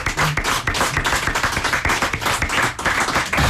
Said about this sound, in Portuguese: E podemos continuar a aplaudir o pai, não é verdade?